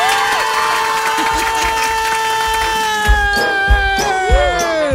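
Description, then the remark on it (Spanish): A man lets out a long, loud celebratory yell, his voice held strong and steady for several seconds, with a few low thumps and a crowd-like clamor underneath. “¡Compare un grito ahora sí, machín, compa!”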